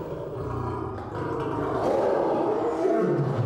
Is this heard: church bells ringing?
no